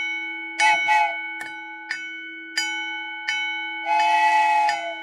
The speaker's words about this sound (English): Well, the bell's ringing, the arms are down, the lights are flashing, and I'm seeing the headlights of the engine coming. It's getting closer.